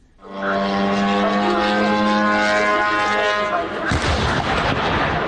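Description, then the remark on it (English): A loud, steady engine whine with a buzzing harmonic drone from a Ukrainian drone holds for several seconds, then breaks into a sudden crash and explosions as it hits a warehouse of the Russian retailer Wildberries in Elektrostal, 60 kilometres east of Moscow; the rough, rumbling noise continues to the end. “In the city of Elektrostal, 60 kilometres east of Moscow, a Ukrainian drone crashes into a warehouse of the Russian retailer wild berries. The explosions and resulting fires, which burnt for 3 days, so large they could be seen from space,”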